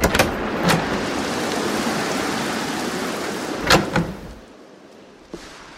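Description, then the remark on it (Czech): Heavy pouring rain hisses steadily and densely under low clouds lying on the hilltops, with a few sharp knocks and thuds scattered through it, before the downpour drops away quietly near the end. “Mraky tenkrát ležály na samejch verškách a lilo a cedilo kalounem.”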